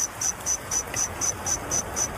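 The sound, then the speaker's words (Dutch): A reconstruction, based on fossil wing shape and structure, of a cricket-like insect that lived 160 to 165 million years ago in the Jurassic chirps in a steady rhythm, about four pure, high-pitched pulses per second, clear over a soft hiss, with no voices. “dan had je insecten gehoord die 160, 165 miljoen jaar geleden leefden. En die klonken dan zo.”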